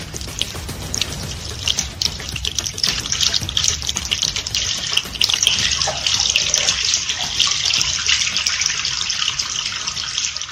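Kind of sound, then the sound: household object, running tap water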